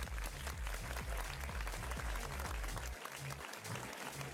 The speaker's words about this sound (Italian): Facciamo un applauso a ….